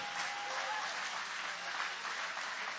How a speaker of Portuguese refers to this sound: Grita glória a Deus. Isso, podem aplaudir. Aleluia!